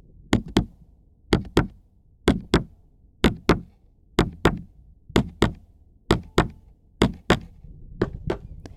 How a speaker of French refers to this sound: Le battement de mon cœur.